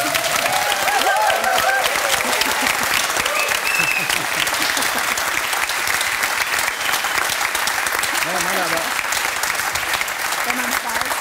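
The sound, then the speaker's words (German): A large audience applauds steadily and loudly for about eleven seconds, a dense wash of clapping with faint voices and a few shouts mixed into the crowd. “Ich will auch rauskommen und alle klatschen und lieben mich.”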